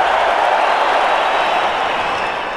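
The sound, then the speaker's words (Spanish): A stadium crowd at Anfield applauds steadily through a minute of applause before a Liverpool versus Monaco friendly football match, a dense, loud wash of many hands clapping together without pause, easing slightly toward the end. No one speaks over it. “Se está cumplido el minuto de aplausos.”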